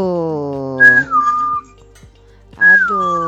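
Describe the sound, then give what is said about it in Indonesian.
A person whistles in two short bursts separated by a brief pause, each note sliding slightly downward, as if calling a bird. A steady, buzzy tonal drone sits underneath, the sound coming over a WhatsApp phone call. “Dikira burung kali ya. Dipanggil-panggil di siul-siul ya.”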